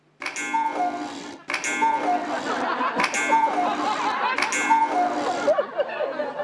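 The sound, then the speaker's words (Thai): A cuckoo clock on the second floor of a house chimes four times in a slow, steady rhythm. Each loud metallic strike rings on and overlaps the next, with a brighter tone sounding between strikes. “นาฬิกากุ๊กกู้ดังขึ้นได้ยังไงอ่ะ กุ๊กกู้ พ่อทำสำเร็จแล้ว”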